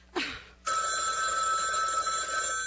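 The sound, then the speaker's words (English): A brief clatter is followed by a telephone bell ringing loudly and continuously, a steady metallic jangle that keeps going to the end with no voices. “Stop ringing me, do you hear?”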